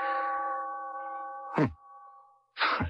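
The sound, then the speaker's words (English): A clock chime rings: a bright, sustained bell tone hums and slowly fades, then two sharp metallic strikes follow about a second apart. No one speaks. “I want to fool around with the works and see if I can get it going and figure out what goes with the chime.”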